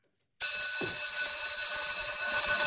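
A school bell in the Swiss canton of Nidwalden rings loudly and continuously after a brief silence, a sustained metallic clanging that holds steady to the end with no voices present.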